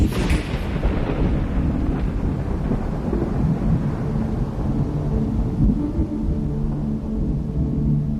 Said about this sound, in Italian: Ma quello che succede in quel motore che infligge vento, pioggia, grandine e tempesta, io voglio vederlo da dentro, con i miei occhi.